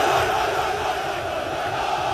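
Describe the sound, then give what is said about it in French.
Beşiktaş football supporters roar in a stadium, a dense, loud and continuous wall of crowd noise that stays steady throughout, with no single voice standing out. “Les supporters de Beşiktaş détiennent le record du monde de décibels.”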